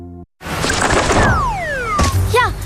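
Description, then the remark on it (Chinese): A bird, a light-vented bulbul (白头翁), hits window glass with a single sharp thwack, preceded by a falling whistle-like swoosh and followed by a few quick chirps, loud over a noisy background. “鸟撞玻璃上了， 这是白头杯，也叫白头翁，不仅唱歌好听，还是吃农林害虫的好手呢。”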